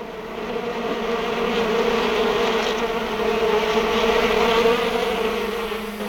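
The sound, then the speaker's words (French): A dense, steady drone of many bees buzzing by a pond, continuous and fairly loud throughout, swelling slightly at times, with no voices. “Venez à la mare aux abeilles, je vous raconterai tout.”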